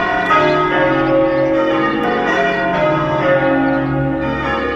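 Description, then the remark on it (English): Wedding church bells at City Hall, San Francisco peal loudly and continuously, several bells ringing together so their rich, humming tones overlap and linger, with no voices present. “It's time for the Wedding Bells feature”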